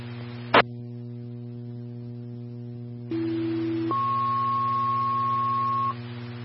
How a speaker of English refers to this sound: Bloomfield Engine 1, stand by for tone.